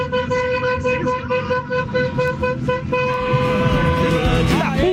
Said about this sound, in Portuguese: E tome de buzina. Tome-lhe, tome-lhe.